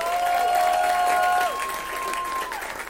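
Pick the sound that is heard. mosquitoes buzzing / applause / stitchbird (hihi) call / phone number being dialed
applause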